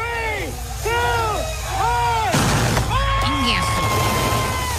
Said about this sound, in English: They were cohetes. They were like, well, there was a whole show. You know, obviously, they had like the cannons blowing out the color.